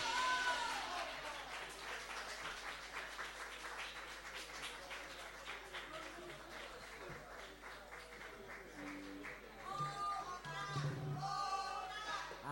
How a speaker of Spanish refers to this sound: aplausos a todos.